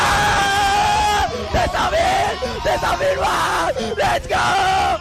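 A loud, sustained joyful yell from a streamer at The Event, a charity stream of about 90 streamers, in 2021 as his donation pot reached 200,000 euros; it rises and wavers in pitch, breaking into several excited whooping bursts over a busy, noisy background.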